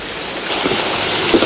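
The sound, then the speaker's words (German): Steady rain hisses down outside in a dense, even wash of noise, with a few heavier drops pattering on a surface. No one speaks. “Ja, was soll man auch da draußen bei diesem ewigen Regenwetter?”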